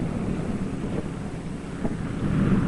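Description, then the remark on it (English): A low, rough aircraft engine drone rumbles steadily with windy noise over it, swelling slightly louder toward the end. It is Byrd's R4D1 plane out over the ice: its starboard engine has stopped, its one remaining engine is losing power, and the plane is losing altitude. No voices are heard. “His one remaining engine is losing power.”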